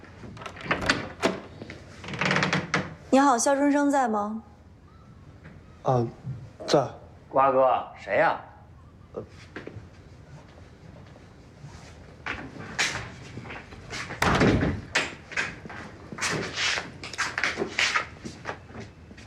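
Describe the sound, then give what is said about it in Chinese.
A door is opened with a short knock-like clatter partway through, set among scattered voices talking before and after, with some soft rustling and footsteps. “我开门去。”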